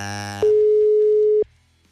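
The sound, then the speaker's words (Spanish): A WhatsApp call rings out with one steady electronic tone, about a second long and loud, against a low background murmur, as someone calls a father on his birthday. “A ver, vamos a marcarle por WhatsApp de volada.”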